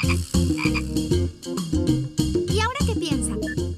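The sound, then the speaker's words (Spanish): A frog croaks in a rapid, continuous series of loud, throaty pulses, steady in rhythm, with no talking over it. “¡Es el de una rana!”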